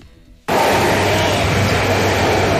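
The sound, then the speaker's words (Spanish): After a brief hush, the loud, steady roar of Line 1 trains of the Bogotá metro, in the Bosa locality, cuts in abruptly and continues unbroken, a broad rushing rumble with a low hum running underneath. “Ese sonido que ustedes estaban escuchando de fondo es el ruido que hacen los trenes de la línea 1 del metro de Bogotá.”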